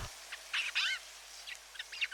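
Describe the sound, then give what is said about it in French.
A Eurasian jay gives a series of short, high chirps and whistled notes, some rising and falling, in brief bursts with small pauses between them, over a faint hiss. “Le jet des chênes déploie un vaste registre vocal et une grande capacité à imiter d'autres oiseaux présents sur son territoire”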